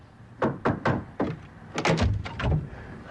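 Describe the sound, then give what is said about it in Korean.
Knuckles rap on the door of a room in a house in a drama scene, first a few evenly spaced knocks, then a quicker, heavier burst of thumping knocks. No voices are heard. “한목지가 사전의 방문을 노크한다.”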